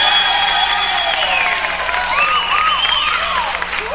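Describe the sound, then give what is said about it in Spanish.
An audience applauds loudly and steadily for the full four seconds for the band accompanying the performer, a dense wash of clapping with a few rising and falling whoops or whistles riding over it. “Yo se los agradezco mucho y quisiera de parte de ustedes un aplauso para ellos.”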